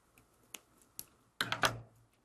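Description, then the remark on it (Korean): Several short, crisp snips of scissors cutting folded paper, cutting only the light green part into strips about 2 mm apart: two isolated clicks followed by a quick cluster of three cuts, with no talking. “네, 끝에 부분은 감아 붙여넣기 할때 필요한 부분이기 때문에 끝까지 잘리지 않도록 신경 써서 연두색 부분만 2mm 간격으로 잘라주시면 되겠습니다.”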